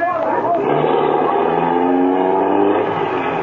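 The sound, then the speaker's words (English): A getaway car's engine roars loudly after a bank robbery, its pitch climbing steadily as the car accelerates hard and speeds away, the strained revving filling the whole stretch without a break. “Can't you get no more speed out of this car, fella?”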